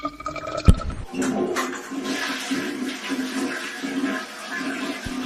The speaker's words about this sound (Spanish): Bueno, justo estaba cargando el agua caliente del tanque.